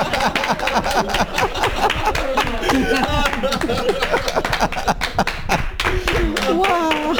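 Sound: audience clapping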